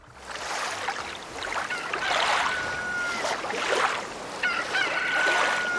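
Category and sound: bird, rooster crowing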